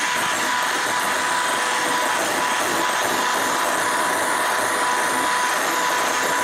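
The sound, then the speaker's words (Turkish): An electric mixer whips egg whites with a loud, steady motor whir and a constant humming tone that runs unbroken throughout, with no talking. “Yok, mikserle devam edeceğim.”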